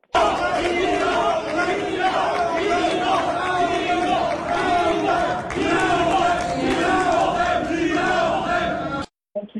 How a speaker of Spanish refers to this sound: En entrevista, al concluir el anuncio oficial, los simpatizantes de su contrincante Rafael Marín Mollinedo gritaban fraude.